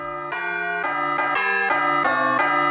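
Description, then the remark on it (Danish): A bright electronic bell chime plays a short melody of about six sustained, ringing tones in steady succession, loud, with no voices, offered as a possible new ringtone for the bells. “nu skal vi altså have en ny ringetone på de der klokker.”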